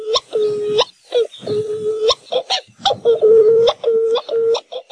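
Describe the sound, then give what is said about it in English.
A Hawaiian petrel (ʻuaʻu), a bird named after its call, gives a series of eerie, moaning calls at night, each a sustained wavering wail with sharp harmonic onsets, repeated about six times in close succession and heard loud. “Like many Hawaiian birds, Oahu are named after the sound they make. Their haunting calls can be heard at night as they fly mauka to their nests high in the mountains.”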